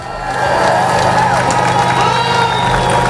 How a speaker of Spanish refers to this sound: Aplausos, claro, a uno y otro lado de la verja del Peñón para celebrar la caída definitiva de la frontera